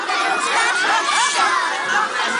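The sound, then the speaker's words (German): Thousands of children carrying lanterns sing steadily at the Bachfischet lantern procession in Aarau, many high voices blending into a dense, continuous wash of sound that holds an even loudness throughout. “Und das hört man dann aus Tausenden von Kinderkehlen mit diesen schönen Lampion.”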